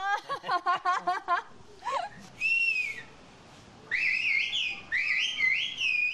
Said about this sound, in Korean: 볼수록 휘파람으로 의사소통하는 게 신기합니다. 농경과 목축을 위해 산비탈에 집을 지어 정착한 마을. 그런데 지형 때문에 직접 왕래하기가 어려웠습니다. 그래서 휘파람 언어라는 독특한 의사소통 방식이 만들어졌습니다.